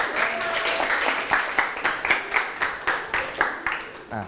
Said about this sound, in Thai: กลุ่มที่5ก็มี5ยิ้มปรบมือให้ครับ